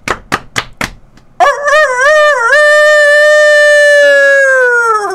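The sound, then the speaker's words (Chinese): Four sharp knocks ring out, then a loud, drawn-out rooster crow begins, wavering at first before holding a long, steady, bright note that tapers off at the end. “就爱听迄个鸡啊在啼，才会精神咯、 哦。”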